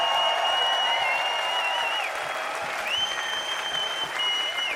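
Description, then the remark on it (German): A festival crowd at the Rudolstadt-Festival applauds loudly and steadily, dense clapping mixed with whistles and cheers, including a long high whistle that rises and holds before breaking off and returning. “Und bitte einen riesengroßen Applaus für das ganze Team vom Rudolstadt-Festival.”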